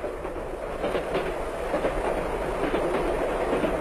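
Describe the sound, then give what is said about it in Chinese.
A train bound for Tianjin, China, rolls steadily along the rails, a continuous loud rumble with faint rhythmic clatter from the wheels, heard from on board, with no voices. “成为中国共产党党员的吉鸿昌将军启程登上了去天津的火车，他兴奋地望着窗外，祖国的每一寸土地都使他感到可爱。”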